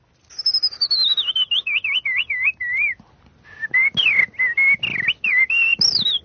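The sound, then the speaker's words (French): A person whistles an imitation of blackbird song: a clear descending warble, a brief pause, then a second phrase of quick fluty notes rising and falling, loud with no talking. “Ça, c'est le merle”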